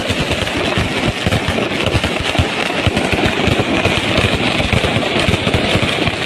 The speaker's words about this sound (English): This is the middle of the night outside their hotel room. This is what they were serving this up for them. Fireworks displays, impromptu fireworks displays, so that the Ecuadorian World Cup team couldn't sleep.